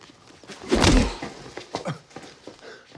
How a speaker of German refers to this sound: So eine starke Rechte hätte ich dir gar nicht zugetraut.